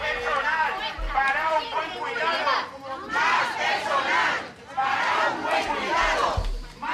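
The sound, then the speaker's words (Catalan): A crowd of about fifty workers and residents protesting this morning at the doors of a care home for the elderly in Palma, over staff shortages and work overload, chants loudly in unison, repeating a rhythmic slogan in several sustained waves with brief pauses between them. “Mig centenar de persones, entre treballadors i residents, s'han concentrat avui matí a les portes de la residència de gent gran d'Omutsvi, a Palma, per a protestar per la manca de personal i la sobrecàrrega de feina a la qual han de fer front.”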